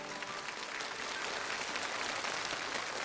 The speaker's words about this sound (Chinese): 再次把掌声送给我们台上所有的这些留学生朋友们，欢迎你们。